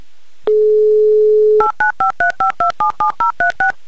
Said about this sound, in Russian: Ну а я пока попробую набрать ваш номер.